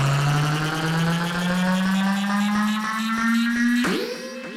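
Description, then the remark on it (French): A motorboat engine revs up, its steady droning pitch climbing gradually for several seconds before a sudden surge near the end as it pulls away. No voices, just the loud motor. “ton bateau est prêt ?”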